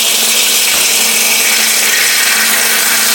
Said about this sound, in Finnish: Vesileikkauksella voi sahata metalleja ja kiveä.